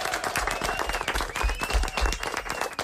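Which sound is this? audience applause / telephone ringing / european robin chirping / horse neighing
audience applause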